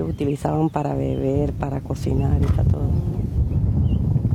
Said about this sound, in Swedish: Det blåser. Det gör det hela tiden på Guajira-halvön. Ofta mycket mer än idag